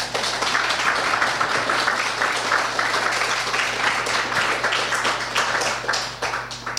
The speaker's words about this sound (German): Okay, danke an euch beide. Ich glaube, die beiden haben sich mal einen Applaus verdient.